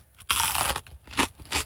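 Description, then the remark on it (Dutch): A loud first bite of a ragout of chicken, pork and vegetables, followed by two shorter crunchy chewing sounds, wet, with no one talking. “Eerste hap.”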